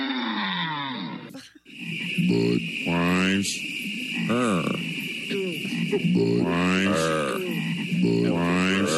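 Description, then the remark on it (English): Several loud voices imitate croaking frogs in a 1990s Budweiser TV commercial, making a series of deep, drawn-out, repeated croaks, one after another, over a steady high-pitched buzzing hum. “your former employer Budweiser was all over TV in the 90s with the frogs.”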